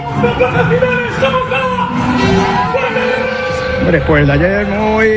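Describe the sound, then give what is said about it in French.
A large crowd of football supporters cheers and chants together outdoors, greeting their team as it rides an open-top bus through the capital after the World Cup final against Argentina, many voices overlapping in a loud, continuous roar of celebration with shouts rising above the din. “Alors après avoir rencontré le roi et le premier ministre espagnol, l'équipe déambule à bord d'un bus à Imperial à travers la capitale pour saluer des supporters qui sont vraiment aux anges.”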